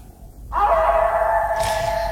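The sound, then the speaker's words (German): A wolf howls in one long, steady note that starts abruptly and holds at full strength, clear, with no voices around it. “Hier im Nachtclub. Mit dem Wolf hier.”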